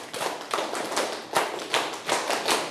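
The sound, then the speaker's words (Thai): A class of students clap together in a steady, even rhythm, ten sharp claps in a row with no talking over them. “ทั้งหมดปรบมือ10ครั้ง”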